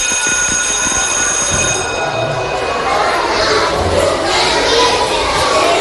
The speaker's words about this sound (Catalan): Bé, no sé si totes les aules han sonat així intensament, perquè potser algunes no han estat tan poblades.